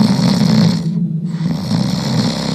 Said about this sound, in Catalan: En un tres i no res, va arribar al cim i se va trobar davant de la cova on se podia sentir un soroll fort i estrany. Fent apolit, la caputxeta verda se va apropar i aleshores se va avisar que el drac dormia i que roncava molt fort.